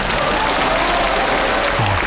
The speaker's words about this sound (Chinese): 大家掌声欢迎。